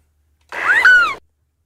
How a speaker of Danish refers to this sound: Jeg siger, det er en måge. Det er en meget lille, meget lille lyd, vi får af mågen, synes jeg.